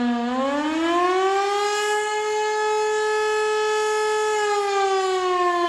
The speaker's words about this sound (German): Um 12.30 Uhr dann das Signal Alarm. Eine Minute lang ist ein auf- und abschwellender Dauerton zu hören.